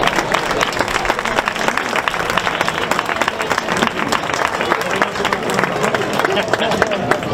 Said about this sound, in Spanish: Antes de comenzar, quiero que el primer aplauso de la noche sea para todos vosotros por estar hoy aquí y por seguir apoyando el cante y el baile de nuestra tierra. Un aplauso para todos ustedes.